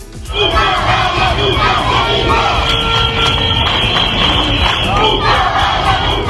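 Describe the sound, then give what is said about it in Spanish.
A large protest crowd in Ceuta chants and shouts in unison, calling for a return to normality, dense and loud throughout, with high-pitched children's voices rising above the mass of adult voices. “Los que más fuerte lo gritaban, los chavales, los niños”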